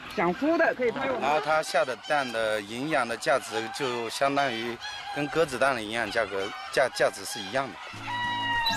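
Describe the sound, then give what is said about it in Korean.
A flock of small, distinctive-looking guifei chickens on a farm raising about 2,000 of them clucks and crows loudly, with many overlapping calls, rising and falling cries, and a steady cackling chorus filling the whole stretch without pause. “작은 체구에 독특한 외모를 가진 귀비 닭입니다.”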